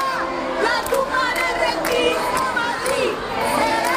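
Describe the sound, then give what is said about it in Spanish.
A large crowd jeers and boos Ayuso as she finishes a speech at a real estate congress, while activists throw leaflets and stink bombs; a steady, loud wash of overlapping voices, with sharp shouts and whistles breaking through now and then. “Entre abucheos, un grupo de activistas le lanzó panfletos y hasta bombas fétidas.”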